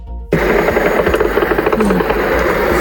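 Loud, continuous buzzing of an attack drone's engine passing overhead in Bashkortostan, Russia, where a drone struck a Wildberries warehouse, cutting in abruptly after a brief quiet moment and holding a steady, rapidly pulsing drone throughout.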